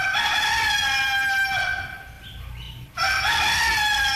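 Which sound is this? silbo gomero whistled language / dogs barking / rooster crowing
rooster crowing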